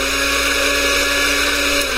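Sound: empty blender running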